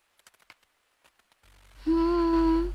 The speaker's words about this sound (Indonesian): Suara hujan baru saja reda. Tetesan air dari atap terdengar perlahan.